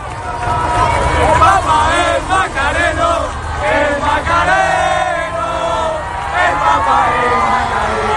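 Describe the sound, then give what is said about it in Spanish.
A large crowd shouts and chants loudly and continuously as the Popemobile passes, many voices blending into a dense, excited roar with rising and falling cries throughout. “Así gritaban al paso del Papa Móvil.”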